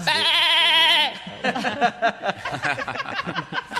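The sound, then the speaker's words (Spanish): A person lets out a loud, quavering goat-like bleat lasting about a second, imitating a goat, then immediately breaks into rapid, animated speech. “Polilla era una cabra y yo lo convertí en humorista.”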